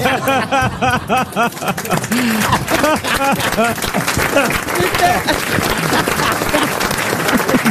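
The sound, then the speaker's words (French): An audience breaks into sustained, dense applause, a steady wash of clapping hands, with laughter and voices mixed in at the start before the clapping takes over. “Ne m'applaudissez pas, comme disait Isabelle Mergaud, c'est mon métier.”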